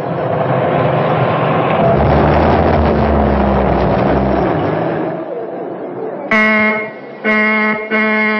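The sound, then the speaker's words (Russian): A steady rumble of engine and wind noise fades out, then a car horn honks loudly three times in quick succession, the blasts close together, the car signaling for the people it has come to pick up. “Дед, это нам сигналят. Наша машина.”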